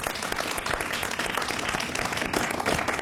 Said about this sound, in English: Give them a round of applause.